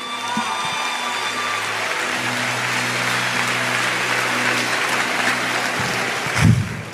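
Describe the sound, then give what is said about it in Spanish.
A church audience claps for Christ during a sermon, steadily for several seconds, a dense, even wash of applause over low sustained keyboard tones, with a brief louder thump near the end. “Santo, dale un aplauso a Cristo.”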